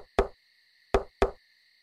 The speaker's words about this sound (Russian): Одним поздним вечером в дом постучали.